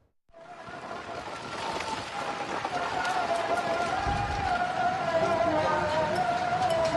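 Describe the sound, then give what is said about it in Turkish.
Heavy rain and strong wind roar in a dense, steady wash of noise that starts abruptly and holds loud throughout, with a thin wavering whistle running underneath, during a Monday storm in Malatya city centre, caught by a workplace security camera. “Sağanak ve şiddetli rüzgar pazartesi günü Malatya kent merkezinde etkili oldu.”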